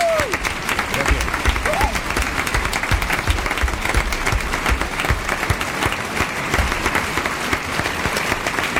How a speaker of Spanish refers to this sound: Un aplauso para los actores que han hecho posible esta representación como Robinson Crusoe.